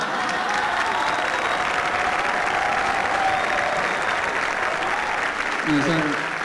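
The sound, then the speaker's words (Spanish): Steady, dense applause from an audience fills the whole stretch, loud and continuous with crowd noise, and a brief voice cuts in near the end. “Eso no es para aplaudir, no es ningún mérito, la verdad.”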